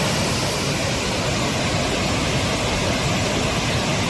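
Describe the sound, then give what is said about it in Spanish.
A continuous, loud roar of rushing water fills the whole recording: the swollen Besós River in the Barcelona area, Spain, surging with strong, steady flow and a huge volume of water under an extreme flood alert, with no voices or breaks. “Así suena el río Besós, que baja con mucha fuerza a esta hora.”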